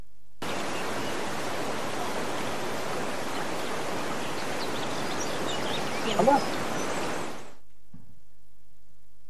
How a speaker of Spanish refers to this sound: Un río. Un río. Literal, un empate. Era una cascada. Que el agua es muy confusa.